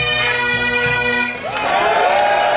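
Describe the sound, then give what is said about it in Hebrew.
Scotland football fans, the Tartan Army, cheer in the streets of Boston, celebrating their team's World Cup win over Haiti. A loud, dense crowd roar over a steady droning tone, with massed voices swelling into a higher, wavering chant partway through. “זוהי לא אדינבורו. כך נשמעים רחובות בוסטון במהלך השבוע האחרון.”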